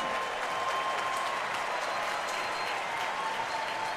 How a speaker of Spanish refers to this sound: El aplauso para una niña que tiene un cartel que dice que es mi cumpleaños, y su hermano tiene otro cartel, dice sí, es su cumpleaños. Y el público respondió bien aquí en Yankee Stadium.